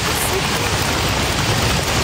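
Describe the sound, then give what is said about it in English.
A dense, steady patter like heavy rain, made by many people in an assembly slapping their thighs to imitate a storm, in a continuous wash of sound, fairly loud with no clear individual beats. “That's heavy rain.”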